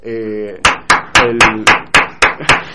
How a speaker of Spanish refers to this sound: Hay aplausos desde afuera, hay aplausos desde la calle, hay aplausos para este señor que hace las cosas como las tiene que hacer.